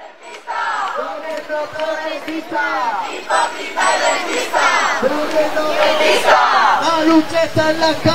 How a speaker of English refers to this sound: Noisy demonstrations are starting now in the capital, Madrid, and beyond. Their protests focused on what many consider to be the country's biggest issue, the high cost of housing.